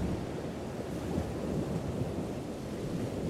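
Waves break and wash onto a shore in a steady, dense roar, with gusting wind rumbling across the microphone throughout and no voices.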